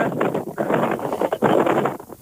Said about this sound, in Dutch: Het is wat winderig bij jou, maar het is nog enigszins te verstaan. Ja, waar ben je nu? Ik ben op de dijk richting Midden-Hoornis. Ah, kijk, ja, dan zal er wel heel wat wind gevangen worden inderdaad.